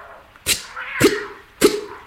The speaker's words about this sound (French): Mon chat aussi. Tiens, écoute-le.